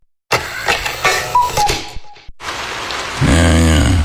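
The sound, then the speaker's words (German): Steady, dense rain hisses loudly for a few seconds and briefly drops out partway through. A low, droning rumble joins in near the end. “Regen.”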